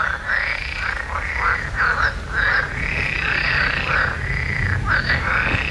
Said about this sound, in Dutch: die is tijdens een late avondwandeling getuige van een luidruchtige kikkerconversatie.